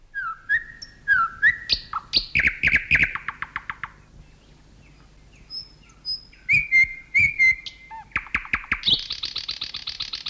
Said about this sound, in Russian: Когда слушаешь соловья, всегда поражаешься силе и широте диапазона голоса этой маленькой птицы.